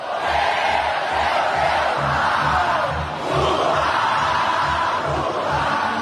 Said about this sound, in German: Er geht über einen langen Laufsteg, links und rechts jubeln die Anhängerinnen und Anhänger, überall Handys, ausgestreckte Hände.